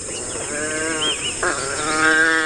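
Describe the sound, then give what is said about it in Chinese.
A pack of African wild dogs in bushland calling to one another as they prepare for a hunt, in a steady chorus of high, twittering, bleat-like cries that overlap and rise and fall in pitch, with no pauses and no human voices. “它们和其他种类的野犬一样，在为狩猎进行准备时，族群中的成员会对彼此发出叫声，为捕猎加油打气。”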